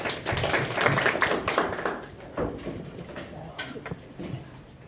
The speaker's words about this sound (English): Daktari, karibu sana. A clap for Daktari tafadhali.